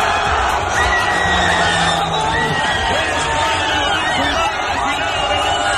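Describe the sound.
A large crowd shouts and cheers loudly and continuously, with overlapping voices, whoops and excited yelling filling the whole stretch, celebrating a victory by Spain.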